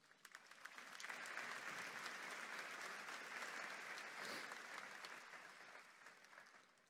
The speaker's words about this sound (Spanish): Un aplauso para esta familia.